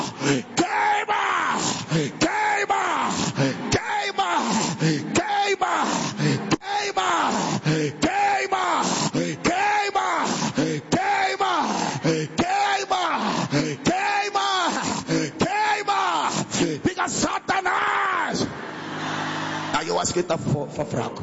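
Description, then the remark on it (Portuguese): A crowd of voices shouts and groans in loud, rising-and-falling waves that repeat steadily, a dense, fervent din of prayer against Satan, urged to shout and 'burn' him, with no pause for over twenty seconds. “Grita, queima ele. Grita, queima. Forte, queima.”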